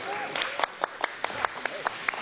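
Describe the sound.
Audience applause: a dense wash of clapping with sharper individual claps popping out at a steady rhythm, about five per second, and faint voices mixed in underneath.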